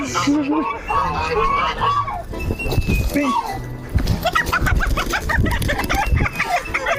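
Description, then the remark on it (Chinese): A native farm rooster with a long fifth toe clucks and squawks in agitated, uneven bursts, struggling as it is caught and handled, while people talk and move around over the commotion. “哇，你看这个公鸡， 这个智能土鸡长出来第五只脚趾，好长呀。”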